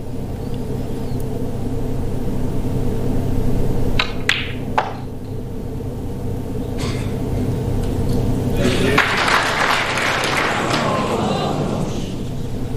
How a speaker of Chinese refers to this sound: 对，这个掌声有点戛然而止啊。